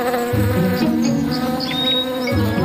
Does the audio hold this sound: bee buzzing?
yes